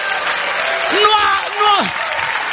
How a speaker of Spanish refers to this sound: Ahí está aplaudiendo porque se siente que bailó el sábado. Aplaude así.